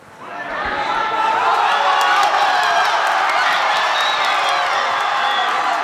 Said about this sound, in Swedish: Segerjubel naturligtvis i Madrid.